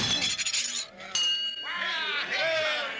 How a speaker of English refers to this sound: Well, what do you know? He rang the bell on the first try.